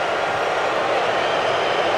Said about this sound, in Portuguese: Mais vaias. Pode subir o som ambiente do estádio. Pode subir. Pode subir o som ambiente.